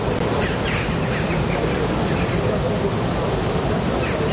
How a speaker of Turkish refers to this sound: Sağanak her geçen dakika etkisini artırdı. Caddeler, sokaklar göle döndü. Evleri ve iş yerlerini su bastı.